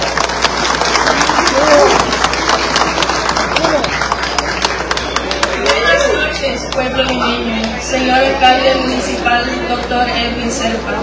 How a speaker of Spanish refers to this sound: quien esta noche se dirige hacia todos nosotros, pero para que ella se sienta bien con ese calorcito de todos ustedes, le brindamos un fuerte aplauso, por favor.